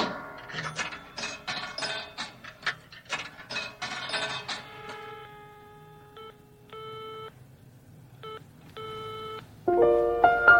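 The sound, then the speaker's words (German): Rapid mechanical clicking and whirring of a telephone being dialed, followed by a series of evenly spaced electronic tones ringing out on the line. No one speaks. “Ich sah hier gerade das Telefon und dachte, rufst mal an.”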